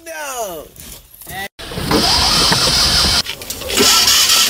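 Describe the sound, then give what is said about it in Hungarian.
A small Trabant car engine struggling to start: a whining starter cranks with wavering pitch, cuts out briefly, then gives way to loud, rough, noisy sputtering that never settles into a steady idle. “Nem indul a Trabant.”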